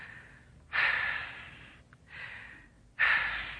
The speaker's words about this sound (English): Take two deep breaths. Why? I'm breathing all right. Take them. All right.